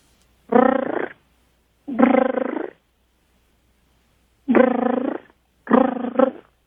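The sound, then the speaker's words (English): A person imitates a mother cat calling her new kittens, giving four drawn-out, throaty meow-like calls with pauses between them, loud with no talking. “we're going to kind of stick with the cat theme on this one here because you can sound just like a mama cat calling out to her new baby kittens.”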